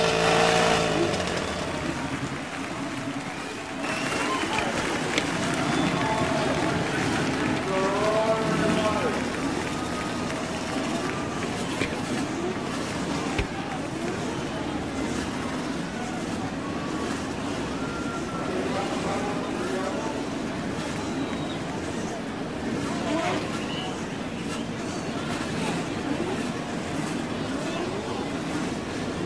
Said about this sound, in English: The roar of over 25,000 horsepower builds from the main straightaway. The crews begin to move away.